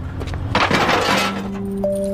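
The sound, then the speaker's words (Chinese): A loud crash of scrap being smashed to pieces bursts out for about a second, with clinking, rattling debris, then settles back into a steady low background hum. “一会儿就搁这儿，都敲碎了吧？”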